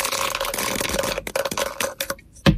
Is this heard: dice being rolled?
yes